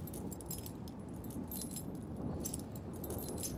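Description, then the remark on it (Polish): Keys jangle and clink repeatedly in bright bursts over a steady low rumble, the metallic jingling continuing throughout with no voices. “Klucze chyba.”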